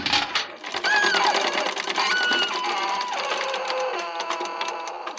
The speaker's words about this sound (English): Fraser, stop the engine! Yeah, man, that's easier said than done. I'll do my best, though.